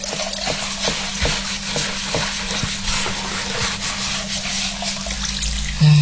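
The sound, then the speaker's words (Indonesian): Continuous sizzling from food a man is frying in a wok, with repeated scraping and stirring strokes of a spatula against the pan and a low steady hum underneath, moderately loud. “Ini sudah bantu cuci piring, bantu lagi masak, malah bukan bantu, aku yang masak sendiri.”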